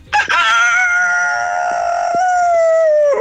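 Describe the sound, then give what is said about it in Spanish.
A rooster in Valparaíso gives one long, loud crow, a strained, drawn-out call that holds steady for about three seconds before its pitch sags at the end. “Ya, igual está bueno el gallo.”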